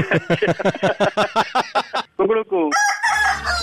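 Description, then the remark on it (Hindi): A rapid run of loud chicken-like clucks leads into a short rooster crow, then a bright burst of music, like a radio jingle sting; no talking. It is the jingle of the Radio Mirchi prank segment 'Mirchi Murga'. “आपका मुर्गा बन गया”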